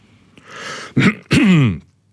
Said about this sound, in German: räuspert sich.